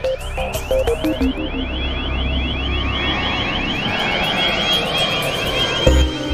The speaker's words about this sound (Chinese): 在泰雷炮的旁边，驱鸟队安装了一套定向声波，定向声波可以持续发出一种使鸟类害怕的特殊声音，通过设备聚集后可以驱赶设备正前方800米范围内的鸟群。